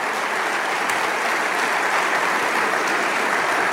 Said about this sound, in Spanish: Vamos, dale ese aplauso.